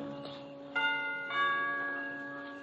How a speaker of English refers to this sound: I move across the road, push open the heavy iron gates, hurry up the path to the front door of the villa, and I lean on the bell.